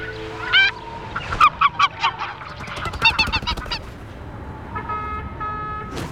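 A large bird honks loudly and repeatedly, harsh nasal calls coming in quick, uneven bursts that sometimes overlap, with a few longer drawn-out honks toward the end.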